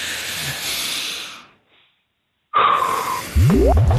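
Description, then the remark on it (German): Several people draw in a long, deep breath together, a loud airy hiss lasting over a second that fades into silence, followed by an abrupt burst of noise with rising tones. “Dann schnaufen wir einmal alle zusammen.”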